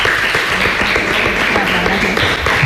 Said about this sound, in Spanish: Yo voy a pedir un aplauso para Paula, que es la primera vez que nos acompaña. Un venga, pues para allá, por favor.